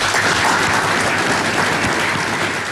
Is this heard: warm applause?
yes